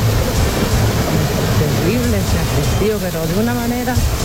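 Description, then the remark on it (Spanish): A loud, steady roar of rushing water from a creek swollen by rain into a giant river flowing beside a house in Purén, with a person talking over it partway through. “Mira, en mi casa hay un estero, pero mira, ahora parece un río, pero gigante que pasa por el lado de mi casa.”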